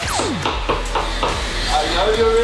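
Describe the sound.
Someone bangs on a door with a run of heavy, evenly spaced thuds, about half a dozen hits, while faint whistling tones and a murmur of voices run underneath.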